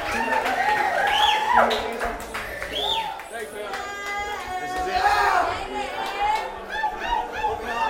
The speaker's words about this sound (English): You guys are hyped. The hypest crowd we had here at Humbrews. Give yourself a big hand round of applause right now. Give yourself a big round of applause. Big up yourself for coming out.